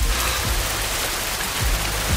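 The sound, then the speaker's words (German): Steady rain pours down in Hessen, Germany, a dense continuous hiss of drops pattering on roofs and streets, fairly loud, with no voices. “Zu Hause in Hessen heute endlich mal wieder dieses Geräusch hier auf den Dächern und auf den Straßen und auf den trockenen Wiesen und in den Wäldern.”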